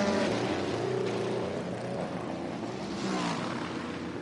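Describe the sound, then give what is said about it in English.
A Cadillac race car's engine roars loudly and steadily as it pulls away out of the pits, its deep harmonic growl filling the whole stretch with no voices present. “And off and away, the Cadillac roars.”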